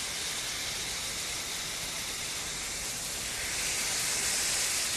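food sizzling

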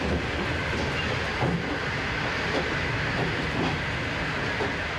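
train running on rails

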